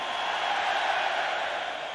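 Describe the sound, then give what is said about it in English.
A dense, steady wash of concert audience noise, many voices cheering, singing and screaming at once in a continuous roar that holds at an even loudness for the whole two seconds. “What do you hear everybody singing and screaming?”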